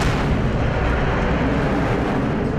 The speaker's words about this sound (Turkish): Bir patlama daha oldu şimdi. Bir patlama daha oldu. Türkiye Büyük Millet Meclisi vurulmaya devam ediyor.